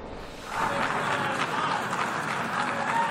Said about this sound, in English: Israeli Prime Minister Netanyahu was met with both applause and jeers as dozens of delegates walked out before his speech to the United Nations Thursday.